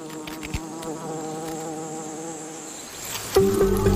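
A steady drone of honeybees buzzing around their hive, which sits beside a huge ants' nest, a dense layered hum that holds for several seconds and then swells louder near the end. No voices.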